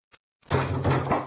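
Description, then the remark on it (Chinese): Loud pounding on a door by someone demanding that it be opened: a single faint tap, then a burst of heavy, continuous banging that rattles on until the end. “开门啊！有没有人啊？”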